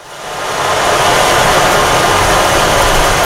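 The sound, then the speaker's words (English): A handheld instrument imitating rain and ocean waves makes a dense, hissing wash of sound. It swells up over the first half second, then holds as a steady, loud rush with no talking. “So you can emulate the sound of rain, or you can take it to the sound of the ocean and do waves as well.”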